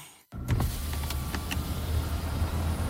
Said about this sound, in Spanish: ¿Otro año más con ese coche sin aire? ¿Otro verano bajando la ventanilla a ver si entra algo de aire?